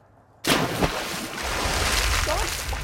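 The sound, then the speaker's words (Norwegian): After a brief hush, a sudden loud splash bursts in, followed by a steady churning wash of water and low bubbling rumble as a snorkeler wearing a diving mask and snorkel dives under the sea at Stamsund to look for sea urchins. “dykker under vann for altså å finne kråkebollene, som det store prosjektet her på Stamsund Hostel.”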